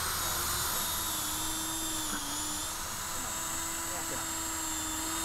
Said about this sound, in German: Ein Bienenhotel. Genau. Verschiedene Größen machen wir jetzt dann. 6, 8 und dann habe ich noch einen 4er-Bohrer, dass wir dann nachher, wenn wir eine gebohrt haben, dass wir dann nochmal umstellen.